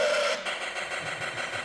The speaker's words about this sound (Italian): ho scritto un piccolo engine che legge i WAV in 1 bit e quindi puoi ruttare. Non so se si sente.